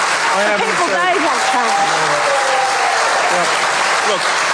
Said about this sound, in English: The crowd went wild.